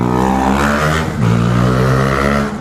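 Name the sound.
street traffic passing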